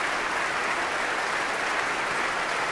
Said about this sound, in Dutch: We konden hem horen meedoen. Hij klapt voor zijn orkest.